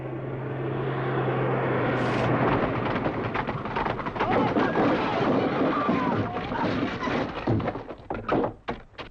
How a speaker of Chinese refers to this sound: 扫射了？ 不会，这是侦察机。